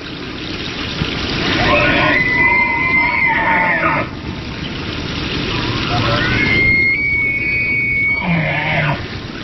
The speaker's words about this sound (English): The bugling call of a bull elk is a signature sound of the Rocky Mountains in autumn. Elk are the second largest deer species in North America after the moose.